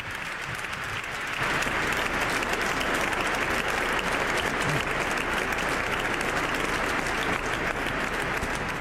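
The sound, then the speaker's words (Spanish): Sustained applause from a large crowd in a cathedral welcoming the Pope as he takes his seat, rising sharply after the first second into a dense, steady wash of clapping that continues without pause to the end. “El Papa expresa su agradecimiento a quienes están recibiendo con el aplauso, pone sus ojos en el coro de la catedral, en la parte más alta.”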